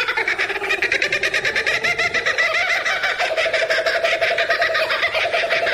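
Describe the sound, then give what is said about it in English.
A kookaburra's loud, raucous laughing call rolls on continuously, a rapid cackling chorus of rhythmic hoots and chuckles that rises and falls without pause, clear with no one speaking. “There is there a more distinctive sound than the kookaburra?”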